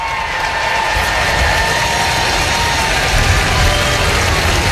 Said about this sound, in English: That'll bring up Cedric Mullins, who again gets a nice round of applause in his last game of his first series as a visitor in Baltimore.